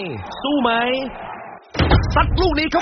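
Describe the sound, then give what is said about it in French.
A man swings a fridge door shut without taking the beer inside, a single dull thump, between stretches of a man's voice speaking before and after it. “Mais sous le regard un peu anxieux et encourageant de sa femme et son fils, il referme la porte sans y toucher.”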